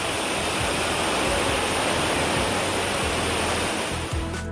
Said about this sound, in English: In Gujarat, Sabarkantha, torrential rains caused the Debol River to swell rapidly, flooding low-lying areas. A car caught in the strong current was swept away as water levels surged.